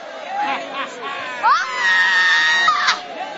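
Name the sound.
audience screaming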